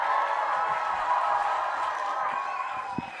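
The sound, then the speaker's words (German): An audience applauds and cheers for a music producer in a dense, steady roar of clapping and voices that holds at an even, fairly loud level for about three seconds. “macht mal einen großen Applaus für den.”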